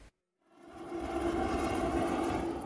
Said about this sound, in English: A helicopter loaded with water to try and douse the flames. Saddleworth Moor has been burning for 3 days.